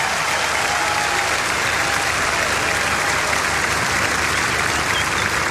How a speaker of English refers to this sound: On the bass guitar, Mr. …, everybody. Put your hands together for Mr. … right here.